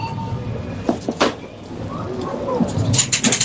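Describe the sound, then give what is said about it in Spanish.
A coin-operated food and soft drink vending machine clunks and clicks a few times as a product is selected, over a low mechanical rumble, then a quick run of bright metallic clinks of coins dropping closes it out. “Una máquina de dispensar, sí, alimentos, refrescos, ¿no? De vending. Echas pero con monedas.”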